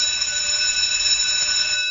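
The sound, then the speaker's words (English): A school recess bell rings continuously, a loud, steady, shrill electric ring that holds an unbroken high-pitched tone for the whole stretch, with no voices. “Did you have like a recess bell or a recess tone? We had a bell.”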